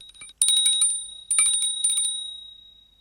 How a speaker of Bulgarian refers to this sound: Кой звъни? Аз звъня. Кого търсиш? Никого не търся, господин Паяк. Тогава защо звъниш? Защото съм камбанка.